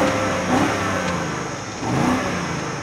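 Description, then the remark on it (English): A BMW car engine revs hard through its integrated exhaust tips, two rising bursts of throaty growl about a second and a half apart, loud, with no one speaking. “And finally, the exhaust tips feel properly integrated. And yes, this thing sounds angry too.”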